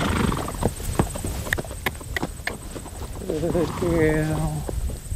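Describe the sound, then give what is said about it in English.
Hooves of wild Kaimanawa horses in training clop unevenly over the ground on a foggy morning among rolling hills, then a horse lets out a loud, wavering whinny near the end, while people talk quietly underneath. “So we've got 16 wild Kaimanawas from the April muster, and they're about 3 weeks into their training.”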